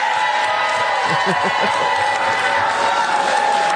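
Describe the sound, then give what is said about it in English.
A steady roar of crowd cheering fills the whole stretch, dense and loud, with scattered voices and whoops rising out of the broad wash of noise. “I got to queue up the cheer here.”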